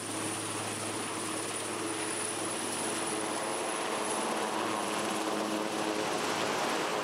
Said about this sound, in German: Das Hubschrauberteam fliegt weiter. Strommasten abbauen in Papenburg. Und danach geht es in die Schweiz, Skilifte reparieren.